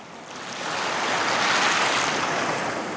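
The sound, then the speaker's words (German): Indian Ocean waves wash steadily onto the shore of Lamu, an island off the Kenyan coast, a broad hissing surf that swells louder after the first half second and stays full, with no voices present. “Lamu, eine Insel vor der kenianischen Küste im Indischen Ozean.”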